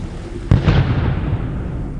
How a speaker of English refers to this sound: there was a huge explosion of gunpowder and the whole ship went up.